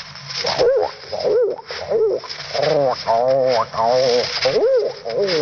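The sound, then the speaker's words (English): A man's voice imitates pigeons, producing a steady run of throaty, warbling coos, rising and falling in repeated bursts with no speech. “I had quite a run of pigeons on Mr. District Attorney and others last winter. They sounded like this.”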